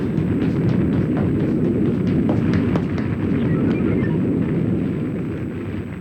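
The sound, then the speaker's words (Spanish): The shock wave of an explosion in the city of the Orbs: a loud, deep roaring rumble sustained for several seconds with scattered crackling bursts on top, slowly easing off at the end. No one speaks. “Le quedan unos cuantos segundos para subir al estabilizador antes de que llegue la onda de choque.”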